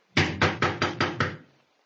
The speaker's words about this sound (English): You going to knock?